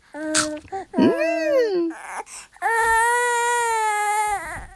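A baby cries loudly: short fussy bursts, then a wavering wail that rises and falls, ending in one long, sustained cry with no talking.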